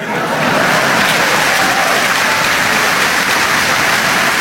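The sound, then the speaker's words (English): A large, proud Canadian crowd applauds a speech, a dense, loud wash of clapping that carries on evenly from start to finish with no voices standing out. “Now, granted, he was speaking to a crowd that was obviously, they were very proud.”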